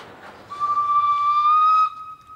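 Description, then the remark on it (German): A Panoramabahn train enters the last of the five tunnels on its route, sounding one long, steady whistle over a low rolling rumble. The bright tone holds for over a second, then cuts off abruptly, leaving a fainter fading hum. “Insgesamt 5-mal verschwindet die Panoramabahn in einem Tunnel. Hier die Einfahrt in den letzten auf der Strecke.”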